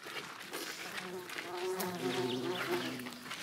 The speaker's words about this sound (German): Ihr seht, überall sind Hummeln und Bienen unterwegs. Jetzt richtig Leben im Garten, ne? So muss das sein, genau.